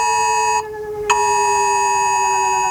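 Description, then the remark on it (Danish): A loud, sustained electronic emergency alert tone from mobile phones in Denmark, sounding during the annual test of the warning systems on the first Wednesday in May, with a harsh buzzing, multi-pitched quality, holding steady throughout with a brief dip and sharp restart partway through. No one speaks. “Og fra millioner af telefoner, som de fleste af os har lige ved hånden, der lyder det sådan her.”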